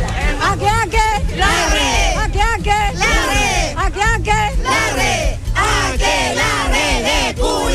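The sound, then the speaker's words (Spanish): A large crowd shouts together in a loud, continuous festive cheer at the start of the Fiestas Patrias celebrations, many voices overlapping in rising and falling yells with a steady low rumble beneath, sustained for several seconds. “Falta el grito, ya.”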